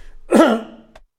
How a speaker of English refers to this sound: Sorry, got a bit of a cough there.